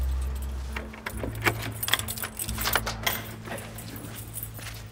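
Keys jangle in several bright, metallic bursts as they are handed over, fairly loud, over a steady low hum like an idling car. No one speaks.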